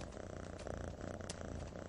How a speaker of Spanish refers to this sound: Está ronroneando, Sabu. Ya son amigos. Está feliz.